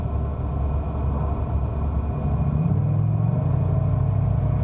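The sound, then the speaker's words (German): A car engine rumbles steadily as a man gets into his car, then its tone shifts and rises midway as the vehicle pulls off and drives away, with no voices present. “Er steht steht auf und geht zu seinem Wagen.”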